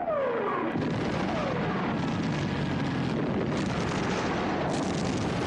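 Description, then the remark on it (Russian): Aerial bombs dropped by aircraft exploding on a farmstead and trenches in a dense, continuous roar of blasts and rumbling, with descending whistling tones at the start and aircraft engine drone underneath, staying loud throughout. “Самолеты сбрасывают бомбы на хутор и окопы.”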